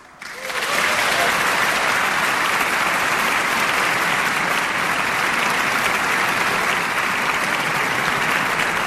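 Sustained applause from a large audience after a performance, a dense steady crackle of many hands clapping that swells in within the first second and stays loud and even throughout, with no one speaking.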